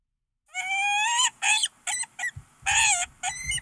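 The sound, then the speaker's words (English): A peregrine falcon calls loudly with a series of harsh, high, wailing cries, some drawn out and others short, coming in uneven bursts with brief pauses between them. “You want to hear what a peregrine falcon sounds like?”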